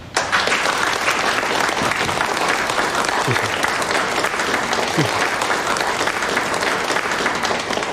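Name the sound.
applause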